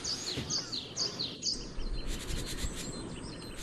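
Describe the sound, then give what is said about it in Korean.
Several birds chirp and trill in short repeated phrases, with a steady soft outdoor ambience underneath and no one talking, at a hilltop cafe at Odojae in Hamyang, among mountain cherry blossoms. “고요한 가운데 새소리 들으며 꽃 보는 출근이라니.”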